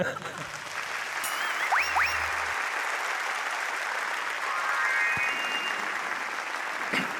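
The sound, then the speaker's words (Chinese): An audience claps steadily for about seven seconds, a dense, even patter of many hands that never fades, with a couple of brief rising whistles cutting through partway. “感谢大家六六的掌声。”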